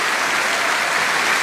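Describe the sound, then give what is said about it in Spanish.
Steady, dense applause from a crowd clapping for the Lord, a continuous loud wash of many hands clapping with no individual claps standing out and no voices heard. “Dale un aplauso grande al Señor.”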